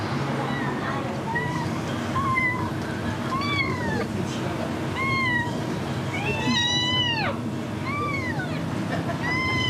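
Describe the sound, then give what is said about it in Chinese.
A hungry kitten that has not eaten meows repeatedly in short, high, rising-falling cries, about six or seven in a row, clear over a steady low background rumble. “阿姨，那把这小猫先放在你这里了，放在这里。”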